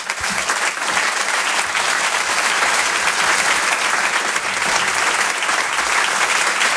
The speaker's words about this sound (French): Je vous en dis pas plus, je vous laisse découvrir son travail. Merci d'applaudir, s'il vous plaît, très fort,